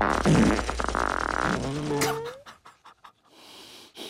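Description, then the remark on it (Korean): A loud, noisy fart at night that turns into a squeaky, rising whine, almost like a cat's meow, then trails off into a few short, faint sputters. “아, 밤에는 내 방귀 소리가 아래층까지 들리는구나.”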